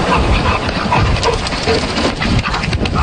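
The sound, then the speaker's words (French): A dog breathes heavily and rhythmically, a steady huffing pant over a dense, noisy background, with occasional faint whimpers, as the dog plays with a duck and the duck flaps its wings. No talking. “Vous allez entendre le chien qui respire et le battement d'ailes du canard.”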